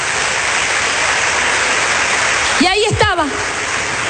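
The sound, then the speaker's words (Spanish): An audience applauding the King: dense, steady clapping that fills the whole clip like a wash of noise, with a brief rising and falling vocal cheer breaking through near the end. “Vamos a darle el mejor aplauso al Rey.”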